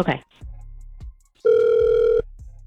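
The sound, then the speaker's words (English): An outgoing phone call placed by the Get Up Crew show rings back once: a steady, loud electronic ring tone holding for under a second, preceded by soft clicks and a brief voice, then a faint click as it stops. “And anyway, let's call him up and see if that's the reason why. Oh God, please let this man answer the phone next.”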